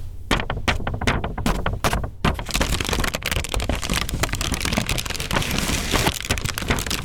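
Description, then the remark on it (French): Paper crinkles and crumples with sharp, scattered crackles at first, then builds into a steady, dense rustling that continues throughout, with no voices present. “La chronique de Laura Katabianchi à la découverte des sonorités des papiers et de leur potentiel narratif.”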